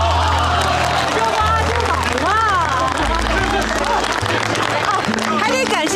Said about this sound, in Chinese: 行，大家情况也都了解了，让我们给这位沉着机灵有胆量的女同志鼓鼓掌。